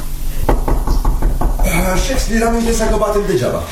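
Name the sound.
knocking on a door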